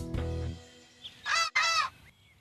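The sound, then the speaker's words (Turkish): Two loud, harsh honking bird calls in quick succession, preceded by a brief low thump and a faint short chirp, with no talking. “Allah'ım, iki inatçı kuşun arasında kaldım.”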